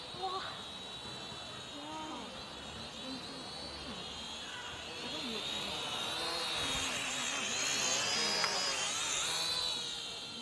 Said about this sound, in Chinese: 看，无人机来了。